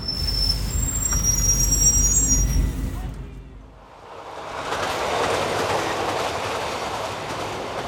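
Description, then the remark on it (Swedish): A large bus rumbles in as it arrives at a bus stop in Åby, its brakes letting out a thin high squeal, then after a brief lull a long loud hiss of air and engine noise fills the scene. “Och här kommer din buss som du inte ska få missa.”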